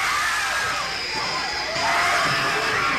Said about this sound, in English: This is not a trick. The screams you are hearing are the actual audience reaction to a sneak preview of Apartment Complex.